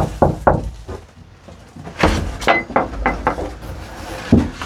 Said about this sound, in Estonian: See suur pada oli kõige esimene asi, mis ma tallu ostsin. See oli puudu. Miks sa koputusid siin? Ma ei tea. Ma ei tea, kas ma olen kusagilt kuulnud või on endal mingi tunne. No küll siin elab keegi. Viisakas on koputada.